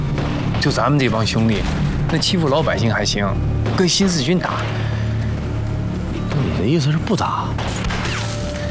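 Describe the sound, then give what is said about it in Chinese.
Intense gunfire in the middle of the night, apparently from the military police headquarters, crackles in scattered bursts throughout, mixed with loud shouting voices and a steady low rumble underneath. “是枪声，好像是宪兵队那边。”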